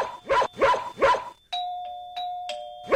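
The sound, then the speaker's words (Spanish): A dog barks three times in quick succession, then a doorbell rings with sustained electronic chime tones that repeat and overlap until a final bark at the end. Both are loud. “¿Te gustaría que te vuelva a tocar timbre?”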